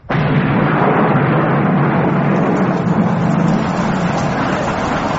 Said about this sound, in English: Look straight up into the rain. That's it.